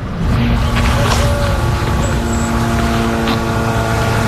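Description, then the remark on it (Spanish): Israeli military drones buzz overhead near Gaza, about 400 metres from Gaza, in early morning, a constant, unbroken engine drone, a steady low hum with a faint whine riding on it, holding the same loudness for the whole few seconds. “Ese sonido que no sé si se puede apreciar, pero son los drones israelíes.”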